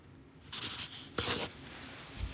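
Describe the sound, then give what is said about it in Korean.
A felt-tip pen squeaks and scratches across paper in a few quick strokes as someone writes down a chosen answer in advance, fairly quiet, with one longer, louder stroke in the middle and no talking. “제 마음이 바뀌지 않도록 종이에 미리 써놓을 거고요. 제가 무엇을 쓰는지 사인펜으로 사운드 힌트를 드리겠습니다.”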